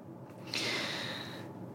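A single deep inhalation, fairly loud, drawn in as a long airy hiss lasting about a second, with no talking.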